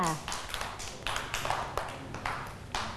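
A group of children clap for a classmate during a lesson, for about three seconds, a steady stream of sharp, uneven claps with no settled rhythm, moderately loud over a low background murmur.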